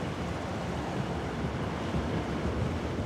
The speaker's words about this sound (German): Tatsächlich sind es nur wenige Schritte bis zu den türkisblauen Wellen. Besonders bei den jungen Koreanern ist dieser Strandabschnitt beliebt.